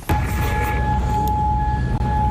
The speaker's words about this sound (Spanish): Así suenan las sirenas antiaéreas de Kuwait tras el último ataque iraní con misiles y drones contra bases estadounidenses ubicadas en el país.